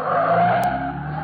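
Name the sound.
car tires skidding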